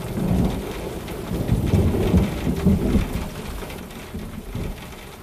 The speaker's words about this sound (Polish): O szyby deszcz dzwoni, jesienny i pluszcze, jednaki, miarowy, niezmienny, Leopold Staff.